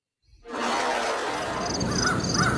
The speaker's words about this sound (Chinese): 姜世飞正在办公室逗弄他那只金刚鹦鹉，顾青迈着优雅的步子走了进来